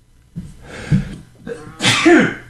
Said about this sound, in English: Sorry. Yeah, I hit the cough button, I think.